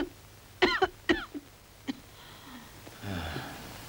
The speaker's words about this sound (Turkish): Peki, şimdi sıkıca öksürün.